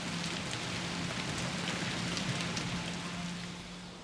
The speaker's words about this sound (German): Das Wetter macht den Arbeiten einen Strich durch die Rechnung. Bei Regen ist es zu gefährlich hoch oben auf dem Dach.